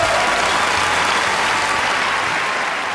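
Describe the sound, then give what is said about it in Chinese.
Steady audience applause for a young host on the stage of the Chinese Family Poetry Challenge (中华家庭诗词擂台赛) show fills the whole stretch, a dense wash of many hands clapping at an even, loud level without pause or talk over it. “掌声送给你们”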